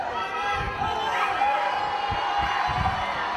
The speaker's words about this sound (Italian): Tra gli invitati in chiesa anche Roberto Mancini, il compagno di squadra Haaland, super acclamato dai tanti curiosi e tifosi del centro storico di Loco Rotondo.